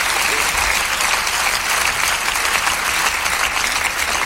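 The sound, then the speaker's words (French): An audience claps steadily, a dense, sustained wash of applause with no pauses, fairly loud and even throughout, with no clear voices rising above it. “Vous voyez, ils sont tous enculés, ils applaudissent quand même, quoi.”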